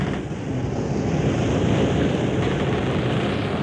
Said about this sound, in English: The Adventures of Sailor Sam. Hear the creak of the rigging, listen to the wind whip the sails.